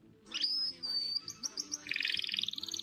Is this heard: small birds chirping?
yes